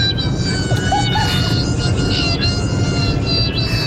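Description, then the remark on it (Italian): A steady, loud airplane roar holds for the full four seconds, with dense low rumble underneath and thin high-pitched engine whines running across the top, like a jet taking off. “Questo sembra un aereo. È un aereo che parte.”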